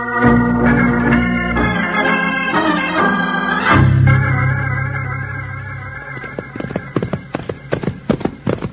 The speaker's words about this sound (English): They must be riding good horses, Jingles. They're sure moving fast. Well, so are we, Bill.